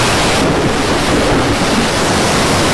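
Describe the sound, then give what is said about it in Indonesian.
Loud, steady roar of a sudden storm at sea. Crashing waves and gusting wind blend into a dense, unbroken wash of noise with no voices. “Mengapa tiba-tiba ada badai? Air sudah masuk ke rau.”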